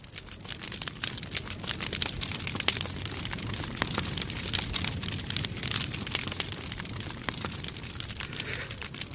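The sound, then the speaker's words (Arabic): A large bonfire of piled firewood that has been set alight crackles and pops steadily over a low, rushing roar of flames, the sharp snaps coming thick and fast and fairly loud, with no voices. “الحطب وأضرموا فيه النار.”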